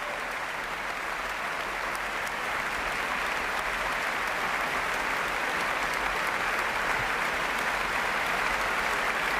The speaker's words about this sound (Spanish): De nuevo sale a saludar y a recibir los aplausos del público Valerie Steinkamp.